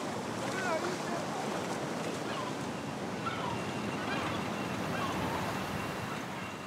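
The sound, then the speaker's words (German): Steady sea surf washes and churns without pause as two young oxen wade in to wet their hooves, a dense rushing noise with some wind, and faint high chirps drift in now and then in the background. “Zweite Übung: Hufe nass machen. Die beiden Jungochsen gewöhnen sich nur langsam an das Meer.”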